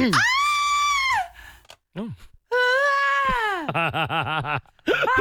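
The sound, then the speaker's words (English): A classic female scream sound effect: loud, piercing, sustained shrieks, one breaking into a wavering, warbling wail, with short gaps between the cries. “has managed to find me just the most classic female scream that I'd like to play and then we'll hear yours again.”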